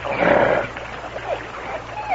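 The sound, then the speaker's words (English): A dog in a canoe growls, a rough rumbling snarl that is loudest at the start, then breaks into a few shorter, rising grumbles before ending. No one speaks. “Him not your teeth now. Good dog.”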